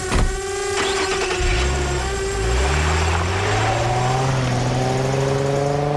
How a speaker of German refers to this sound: Und ich krieg dich mit meiner Drohne.